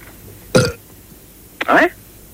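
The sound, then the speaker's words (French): Two loud burps about a second apart, played as telephone hold music on a gastroenterology line: a short throaty one first, then a longer, rumbling belch with a sharp onset, separated by near silence. “Ce sont des rots qu'on entend.”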